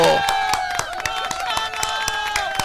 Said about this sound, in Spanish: Correcto, un aplauso.